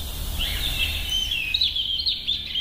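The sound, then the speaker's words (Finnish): A European robin sings a thin, high, rippling song of quick warbled phrases, steady, with a low outdoor rumble underneath and no voices. “Näin kertoi lempilinnustaan punarinnasta Esa-Pekka Avela Porissa.”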